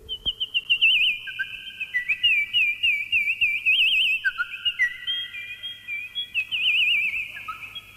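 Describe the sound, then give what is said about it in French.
Bright, warbling whistle-like tones from an instrument trill and chirp continuously, imitating small birds singing, with steady pitched notes sliding between high registers. Clear, with no voices. “L'instrument est capable d'imiter, entre autres, les petits oiseaux.”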